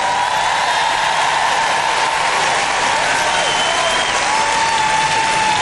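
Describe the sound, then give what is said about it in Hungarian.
A crowd applauds God steadily and loudly for several seconds, a dense wash of clapping with some cheering mixed in. “Gyerünk, tapsoljuk meg Istent!”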